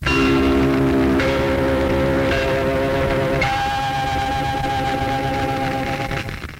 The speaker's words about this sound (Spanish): Voces masculinas, voces femeninas, ese gong característico y distintivo de una u otra frecuencia.